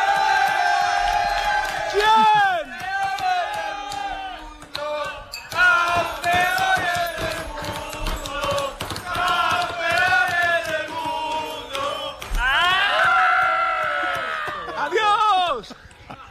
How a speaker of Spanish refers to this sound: me voy a meter en medio de la fiesta del equipo CF Moto Aspar. Métete. Donde están celebrando ese título